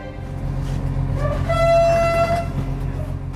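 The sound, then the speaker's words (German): A train horn sounds one sustained, steady blast of about a second over a constant low rumble as express train number 889, three carriages long, departs Vilnius main station in Lithuania just before 7 in the morning, with a brief fainter hoot just before and after. “Schnellzug Nummer 889 hat den Hauptbahnhof Vilnius in Litauen pünktlich um kurz vor 7 verlassen.”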